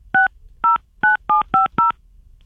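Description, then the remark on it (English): Six crisp touch-tone beeps from a telephone keypad being dialed, each a short dual-pitched tone at a steady, slightly uneven pace, clear with no talking. “Buttons are hard. They're so hard.”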